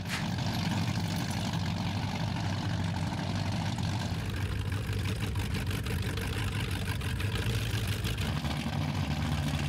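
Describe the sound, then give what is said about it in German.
A powerboat engine idles at the Stettiner Haff with a steady, loud, rumbling drone and a deep low throb, holding constant for about ten seconds with no voices over it. “Laute Motoren, die meistens von ganz ruhigen Fahrern gesteuert werden.”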